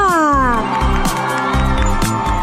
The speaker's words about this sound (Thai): เนี่ยแฟนคลับกรี๊ดเลย